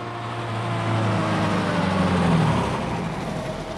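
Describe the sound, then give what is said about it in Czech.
A motor vehicle drives steadily, its engine humming low beneath a broad rush of road noise that swells slightly in the middle, with no voices present. “Vezmete, doufám, drožku, nebo aspoň automobil.”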